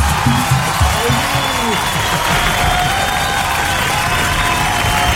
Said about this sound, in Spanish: Aplaudan, señor, aplaudan